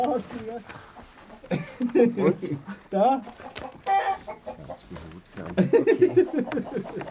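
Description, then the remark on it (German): Agitated, panicked chickens cluck and squawk in uneven bursts, growing louder toward the end, while people talk over the commotion as they catch the hens to put them into a box for moving their sheep farm. “Schlafend sind die Hühner leicht zu fassen, haben sie gehofft.”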